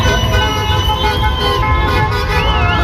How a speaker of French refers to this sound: Concert de klaxons et de moteurs rugissant à Bourg-en-Jallieu, au rond-point Saint-Michel.